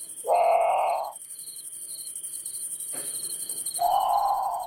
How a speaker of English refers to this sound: Okay, so that's the Grand Patu. It's haunting. It sounds a lot like a very scared bird calling for a parent, in the middle of the night.